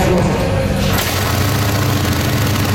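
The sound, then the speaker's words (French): Loud motorcycle engines at the Festival de la moto du Québec in Cleveland, Estrie, Quebec, on a long weekend, rumble continuously, with a shift in tone about a third of the way through as one machine rides past and another takes over. “En cette longue fin de semaine, bon nombre de deux-roues filent dans les rues bucoliques de Cleveland en Estrie.”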